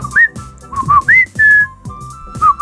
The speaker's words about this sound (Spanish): Sí. Mis papás tenían ese chiflido. Voy a instalar un chiflido para Juan, así.